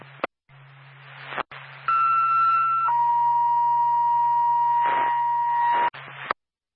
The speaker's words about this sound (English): Twin State to Bethlehem Ambulance, second tone.